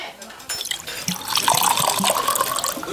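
Water pours steadily into a cup for a few seconds, a bright splashing hiss with a faint tone that slowly rises as the cup fills.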